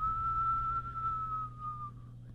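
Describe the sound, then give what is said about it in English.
A single sustained whistle holds one steady, slightly wavering pitch for about two seconds before fading out, a voice imitating the whistling of the north wind over a low background hum. “Next to the north wind began to whistle.”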